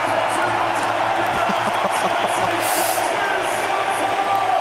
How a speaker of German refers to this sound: Und ihr hört es ja, was der Nusa hier für eine Applauslawine bekommt. Zum 3:0, zum 3:0 und zum 4:0.